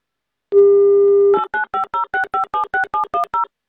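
A steady dial tone hums for under a second, then eleven quick touch-tone beeps follow in an even rhythm as the Avtoradio station dials a listener's phone number. Each beep is a short two-pitched electronic blip.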